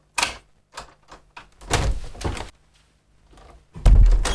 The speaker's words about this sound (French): Alors, lui qui avait ordonné à des milliers d'hommes de marcher vers la mort, vaincu par les larmes d'une femme et de ses deux enfants, il ouvrit grand sa porte.